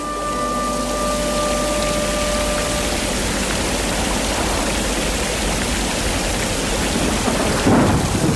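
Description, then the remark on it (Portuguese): Heavy rain pours steadily while strong, deep thunder rumbles and rolls underneath, loud, with a sharper crack breaking through near the end. No voices. “Ai, Jesus, trovoada tão forte, Santa Bárbara nos acuda.”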